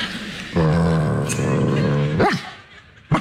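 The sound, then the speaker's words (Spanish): A person's voice imitates a dog, holding one long, drawn-out bark-like tone, then a quick rising-and-falling yelp and a short final burst, fairly loud. “Digo, ¿no puede ser un ladrido un poco más, menos fonético?”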